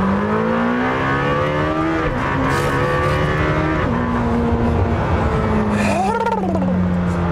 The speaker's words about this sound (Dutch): Maar het blok mag 10 duizend toeren draaien. Dus geen 7, wat al best veel is. Geen 8, wat heel veel is. Geen 9, waarbij ze bij Porsche zeggen... Oh, ons blok kan 9000 toeren. Nee, 10.000 toeren. Achterlijk veel.